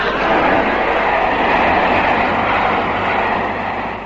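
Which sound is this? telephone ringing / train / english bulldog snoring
train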